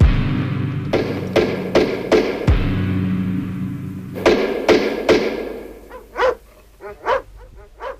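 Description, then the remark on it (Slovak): Heavy, booming blows strike a large wooden castle gate as a knight's servant knocks to ask for lodging, five in a quick run and then three more after a pause, followed by a dog barking repeatedly. “No tak, no búchaj na bránu.”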